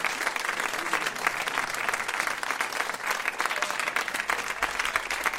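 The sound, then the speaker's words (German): Steady audience applause at an evening concert, many hands clapping densely and continuously at a fairly loud, even level with no voices standing out. “Applaus.”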